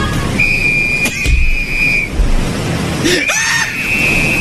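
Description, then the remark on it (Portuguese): Two long, steady, shrill whistle blasts, the first lasting over a second and a half, the second starting after a short pause, over a constant rushing background noise. “O colete salva a vida. Pega o apito.”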